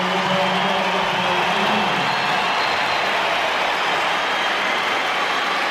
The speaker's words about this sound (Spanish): Esta es la ovación para...